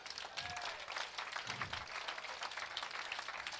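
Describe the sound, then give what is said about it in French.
Steady applause from an audience, a dense wash of many hands clapping at once, sustained and fairly loud throughout with a few faint voices briefly mixed in. “Est-ce que vous voulez bailler, bon Dieu, encore applaudissements?”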